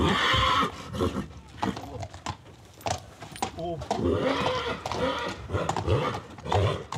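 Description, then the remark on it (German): Otto, a purebred Hanoverian stallion born on Norderney, neighs loudly in several wavering, rising-and-falling whinnies, with hooves clip-clopping and people talking throughout. “Der reinrassige Hannoveraner Hengst ist zurzeit das erfolgreichste Pferd aus dem Stall der Insulanerin.”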